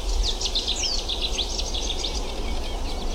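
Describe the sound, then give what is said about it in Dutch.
Several birds sing and chirp continuously in quick, overlapping phrases at sunrise on a very cold morning, with the sun just above the horizon, over a steady low outdoor rumble; no one speaks. “Het is een hele koude ochtend. Maar de vogels trekken zich niks van aan.”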